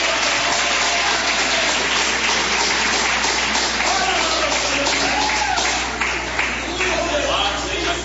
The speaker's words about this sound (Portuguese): Vamos receber o servo de Deus com aquelas palmas de vitória para Jesus.